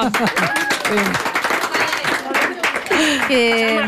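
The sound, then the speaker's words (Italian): The third-year A class of the Gordola middle school claps steadily for about four seconds in the Rete 3 radio studio, dense and loud, while several voices whoop and cheer over the applause with rising, high-pitched shouts. “Facciamo sentire un applauso alla terza A di Gordola.”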